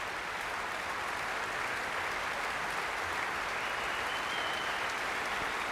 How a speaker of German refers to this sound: Jetzt kommt Paavo Järvi noch einmal herein und bittet alle aufzustehen. Viel Applaus.